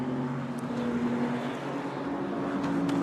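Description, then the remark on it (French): The number 15 Vector Sport RLR race car pulls out of the pit lane, its engine a steady, even drone with a low humming tone under a broad roar. The level holds constant throughout, and no one speaks. “On a justement la voiture numéro 15 du Vector Sport RLR qui vient d'en sortir.”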